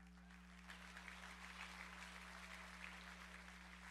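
An audience breaks into steady, sustained applause that swells after a brief moment and continues throughout, sounding somewhat distant over a constant low electrical hum.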